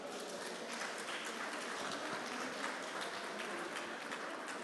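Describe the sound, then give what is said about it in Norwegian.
An audience claps steadily for several seconds, a dense, even wash of many hands with no voices and no rise or fall in volume. “Gjevet ham en størst klapp.”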